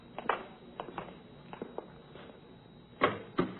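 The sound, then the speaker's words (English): An office door opening as visitors from the Los Angeles Police Department are shown in: a few soft knocks and rattles from the latch and handle, then two louder clacks near the end as the door swings. No one speaks. “You want to go right in? That's the door.”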